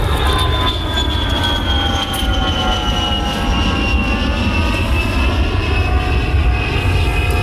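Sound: airplanes taking off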